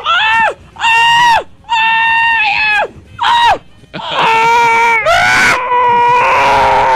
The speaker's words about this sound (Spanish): ¡Qué gritadera!